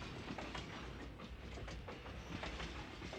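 A Disneyland Railroad train rumbles steadily along the tracks at Disneyland, with a continuous low roar and faint rhythmic clatter of wheels, heard from on board with no voices.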